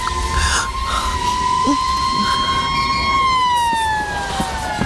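An ambulance siren wails steadily, its tone holding and then slowly sliding downward, loud over a constant rumble of street noise. No one speaks.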